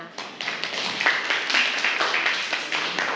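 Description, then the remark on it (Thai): A group of students in a Thai language class claps together for a class representative in a steady, dense burst of applause for a few seconds, with no one speaking over it. “ค่ะปรบมือให้กับตัวแทนด้วยค่ะ”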